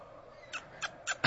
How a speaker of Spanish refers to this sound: ¿Qué es eso? No, es un pajarito, ¿no?